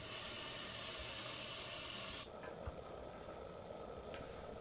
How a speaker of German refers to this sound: Ja, also wenn ich nicht in die Mensa gehe, dann wird bei mir normalerweise erstmal ein Topf mit heißem Wasser aufgesetzt.